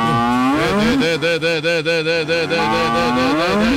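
cows mooing

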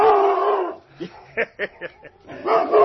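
dog barking and howling

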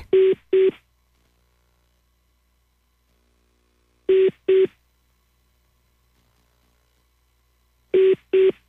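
telephone dialing tones

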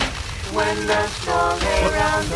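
hail hitting a car

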